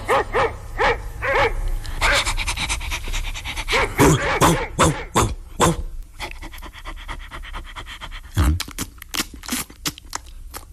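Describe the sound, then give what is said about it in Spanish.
A huge dog barks repeatedly, its loud woofs mixed with heavy panting and a few high whimpers, the barks coming in an uneven, excited rhythm. “Nuestro hijo se convirtió en un perrote inmenso.”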